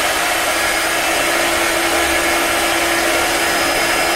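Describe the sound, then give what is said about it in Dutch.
A hair dryer runs steadily, a loud continuous whooshing roar with a faint high whine, holding constant for the whole stretch with no voices. “Sorry, het was een haardroger.”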